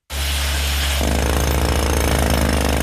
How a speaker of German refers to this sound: An der Stützmauer und am Felsen unterhalb der Terrasse vom Restaurant Trois Rois wird gebohrt. Spezialisten von einer externen Baufirma seilen sich dafür von der Terrasse in die Wand ab. Einmal setzt der Bohrer an einem genau definierten Punkt an.